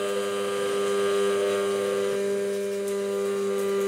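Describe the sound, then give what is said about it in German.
An immersion blender whirs steadily for several seconds while making aioli, a loud, constant motor drone with a low hum and a buzzing, whining overtone, and no voices over it. “Einfach nur gerade halten mit Pürierstab.”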